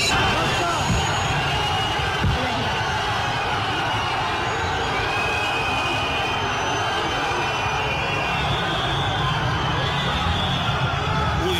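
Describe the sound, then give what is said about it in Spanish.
A large crowd in Ceuta boos the president of Spain, Pedro Sánchez, loudly, a dense, continuous roar of many jeering voices that holds steady for the whole stretch, with scattered shouts and whistles on top. “Eso es un abucheo tremendo que recibió hoy el presidente de España.”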